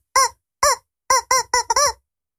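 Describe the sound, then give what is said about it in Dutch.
A rubber chicken toy squeaks out a short melody of six honking squeals at varied pitches, loud, in a quick tune-like rhythm with no talking. “Oh, dat is best moeilijk op die kip.”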